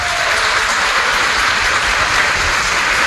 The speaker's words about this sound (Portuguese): Vamos dar uma salva de palmas aos nossos ouvintes.